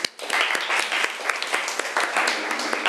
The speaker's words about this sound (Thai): ถูกต้องค่ะเก่งมากปรบมือให้เพื่อนหน่อยค่ะ